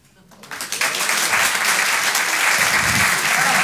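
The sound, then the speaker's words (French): A comedy club audience bursts into applause when a comedian asks who drinks alcohol, quickly swelling from a few claps into a dense, steady roar of clapping that holds loud and even to the end, with some vocal noise mixed in. “Par applaudissement, il y a des gens qui boivent de l'alcool?”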